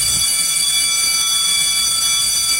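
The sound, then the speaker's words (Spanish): A loud electric bell rings nonstop on the radio station La Mexicana 91.3 FM, marking the start of the show La tardeada: a harsh, steady metallic clangor with a bright, piercing tone and no pauses or voices. “¡Lleno el timbre!”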